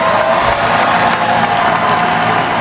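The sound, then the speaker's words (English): An estimated 2 million people cheer and clap at the ticker tape parade for the NBA champion New York Knicks in Lower Manhattan, New York, as Finals MVP Jalen Brunson addresses the packed crowd: a loud, continuous roar of mixed voices and applause, steady throughout with no single voice standing out. “Finals MVP Jalen Brunson addresses the packed crowd.”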